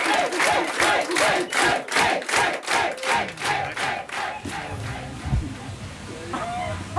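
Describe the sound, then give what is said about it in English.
A large crowd cheers loudly, starting with rhythmic, pulsing shouts or chants for several seconds before breaking into a sustained roar of excited voices. “And more importantly, the crowd loved it.”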